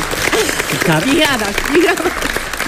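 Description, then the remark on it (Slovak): An audience claps steadily throughout, a dense wash of applause running under a person speaking over it. “Ale skvelé, naozaj ešte raz veľký potlesk”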